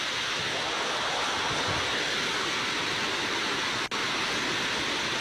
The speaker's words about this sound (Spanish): Está lloviendo.